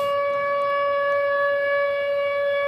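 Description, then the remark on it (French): An ominous alarm siren holds one steady, unwavering tone, buzzy and rich in overtones, sounding loudly and continuously with no voices over it. “Jusqu'au bout, on va laisser cette alarme angoissante.”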